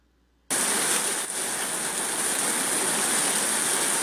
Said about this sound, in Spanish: Mire, está lloviendo, me dice por acá. Mire, qué bonito. Está lloviendo fuerte en estos momentos allá en Juticalpa, Olancho. Está la lluvia.